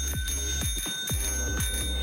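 A bell rings loud, struck in a quick repeated pattern with a bright metallic tone that hangs between hits, like an old-fashioned alarm bell, used as the prize signal in the Hit Radio Kontakt afternoon show. No voices.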